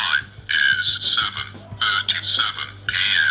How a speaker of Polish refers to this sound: I teraz przycisk, który mówi, która jest godzina, to jest przycisk po prawej stronie u góry zegarka, czyli na godzinie drugiej, ja bym to tak nazwał, i mówi on tak.